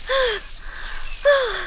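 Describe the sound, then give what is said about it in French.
Two short, breathy voiced pants separated by a brief pause, a voice acting out a dragonfly, shocked and winded after narrowly avoiding a car, resting on a leaf. “La libellule s'arrête sur une feuille. Elle est sous le choc et essoufflée.”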